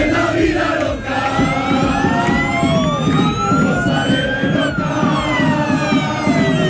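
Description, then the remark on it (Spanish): A large, dense crowd of hundreds of Málaga football fans roars and chants continuously in the afternoon, sending off the team as it leaves by bus for Almería, while wailing siren-like tones sweep up and down above the din throughout. “La expectación es tal que fíjense cómo despidieron ayer por la tarde cientos de aficionados del Málaga al equipo cuando salía en autobús rumbo a Almería.”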